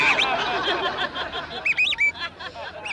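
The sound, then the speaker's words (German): Bright, warbling birdsong blown on a bird whistle: quick rising and falling chirps, busiest in the second half, with a softer jumble of chirps and murmur underneath at the start. “Da bin ich in der Kaufhaus rein, hab einen Vogel singen lassen.”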